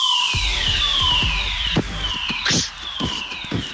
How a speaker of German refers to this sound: Das Ding ist, ist ein Feueralarm. Ist ein Feueralarm.